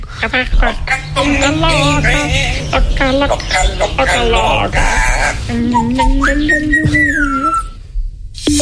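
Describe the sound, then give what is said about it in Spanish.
A parrot calls loudly, a continuous run of wavering whistles and warbling, voice-like chatter with rising and falling pitch, ending in a long sustained whistle. “Venga, a ver, el loro, por favor. El loro y cerramos ya.”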